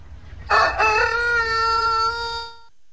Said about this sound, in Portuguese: O nosso galo, cadê o nosso galo aí pra cantar, cara? Pô, põe o galo cantando.